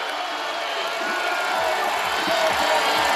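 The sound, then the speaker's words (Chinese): A large home crowd in Italy cheers Italy's fourth-leg skier Vittozzi at the Winter Olympics biathlon mixed relay, a steady, unbroken roar that holds at an even loudness throughout, with faint low thuds rising from beneath the noise toward the end. “而意大利队现在第四棒维托茨也享受着主场观众的欢呼声这样的礼遇，法国队也向他们表示祝福。”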